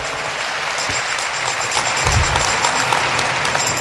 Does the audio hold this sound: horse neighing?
no